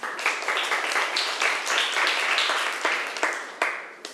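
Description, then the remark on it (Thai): Students in a classroom clap for a classmate in steady, overlapping applause that stays fairly loud for about four seconds, with a few sharper individual claps standing out. No one speaks. “เพื่อนๆคะปรบมือให้เพื่อนหน่อยค่ะ”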